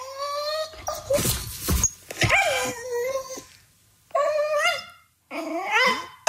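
A dog named Balto makes drawn-out, cat-like grumbling moans when he is not getting attention, several wavering bursts separated by short pauses, with no one talking.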